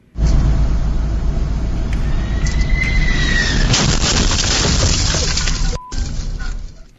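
Steady road and engine roar recorded on a dash cam in New Jersey, with the rising whine of a United Airlines jet from Venice landing at Newark International Airport, then a sudden heavy thud as its wheel hits a truck, followed by continued rumbling noise.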